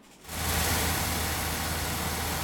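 China's first twin-rotor supercharged engine, developed by Dong'an Power, fires up in a successful ignition test after a brief quiet moment. It jumps to a loud, steady, droning roar with a deep low hum that holds evenly to the end, with no voices. The engine puts out over 120 kW and weighs 70 kg.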